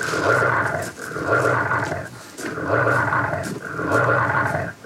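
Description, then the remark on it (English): An animatronic dinosaur figure in a dino park in the center of town roaring in four long, loud, rumbling growls, each rising and fading with only brief pauses between, with no one talking. “It seems like you always hear dinosaurs roaring in the center of town.”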